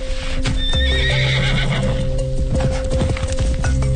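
A horse whinnies with a wavering, high-pitched neigh while hooves clip-clop steadily, a rhythmic clatter running underneath throughout.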